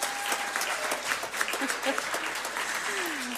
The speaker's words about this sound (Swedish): Nu klappar vi samtidigt.